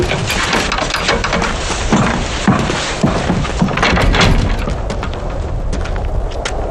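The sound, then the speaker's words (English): Gunfire from the front line of the war in Korea booms repeatedly through a dense, rumbling background, heard at a commander's headquarters tent, with sharp thuds arriving at irregular intervals and no clear voices. “A commander should be close to the front line and his soldiers. The gunfire keeps him sober.”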